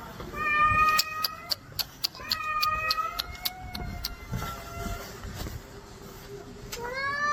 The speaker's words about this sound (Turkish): Yürüyen merdivenin patisini sıkıştıran kedi acı içerisinde yardım bekledi.